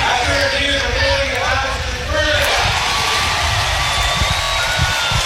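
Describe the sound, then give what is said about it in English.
A large baseball stadium crowd erupts in loud, sustained cheering and shouting at the replay review verdict confirming a play by Jet Buck, a dense roar that swells after a brief dip and keeps going, with scattered whoops rising above it. “Well, if you couldn't hear Billy Van Rapphorst confirm what they saw, just go by the crowd's reaction.”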